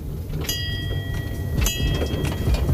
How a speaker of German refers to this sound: Das ist eigentlich ganz klar zu sehen, dass die Kinder hier immer die Dampflok sehen wollen, weil die lebt, die hat Geschichte, die ist zum Anfassen, zum Riechen. Und da fahren natürlich alle extrem drauf ab.